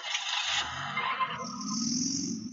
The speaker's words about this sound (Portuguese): uma matéria que nós fizemos hoje, lá na Trizidela, para você ver como é que está o trânsito ali no cruzamento da rua Marcos Rocha com a Avenida Cristóvão Colombo.